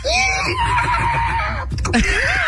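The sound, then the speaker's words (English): A horse whinnies loudly, its wavering, quavering call rising and falling for about two seconds, broken by a brief rough snort before a shorter whinny follows. “He's a great horse.”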